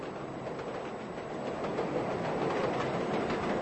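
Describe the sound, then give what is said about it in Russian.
A train rolls along the rails with a steady, dense rumble and a faint rhythmic clatter of wheels, growing slightly louder as it goes, with no voices. “На пути следования царского поезда заложили бомбу.”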